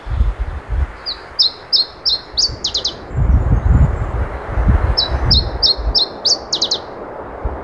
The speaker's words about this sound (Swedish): Ja, det här är underbart. Åh. Oj, oj, oj. Åh. Iberisk gransångare. Det är det som gäller. Det här är en ovanlig fågel som har dykt upp.